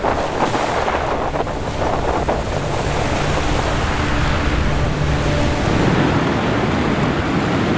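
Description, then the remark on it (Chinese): Strong wind roars steadily across open sea, a loud, continuous rushing with surging waves and gusty buffeting of the microphone throughout, no voices. “刚开始来的时候吧，因为以前没遇上这样的，觉得哎呀，这海就是它刮大风的时候，下大雨的时候，这时候觉得哎呀可恐惧了。”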